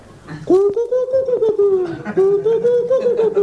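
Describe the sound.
A human voice imitates a turtle dove's coo: a low, wavering, continuous cooing hum held fairly loud for about three seconds, with a slight chuckling quality.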